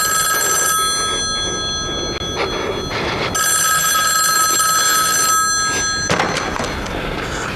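A telephone rings in two long bursts separated by a short pause, bright and insistent over a steady background hiss, with no one speaking.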